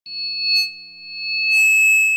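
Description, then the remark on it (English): A steady, piercing high-pitched ringing tone, like simulated tinnitus, made of two sustained pure pitches that hold unbroken, with brief hissy shimmers flickering above them and a faint low hum underneath. “Did you know that ringing in the ears or tinnitus is a symptom of hearing loss?”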